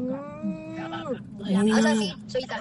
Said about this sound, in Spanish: La misma vaca.